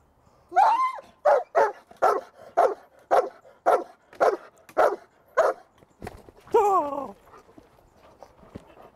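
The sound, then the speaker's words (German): A dog barks loudly during bite-sleeve training, about a dozen sharp barks in a fast, steady rhythm, then lets out a longer, higher-pitched whining yelp before falling quiet. “Wenn der Hund gebellt hat, dann ziehen sie den Ärmel hoch.”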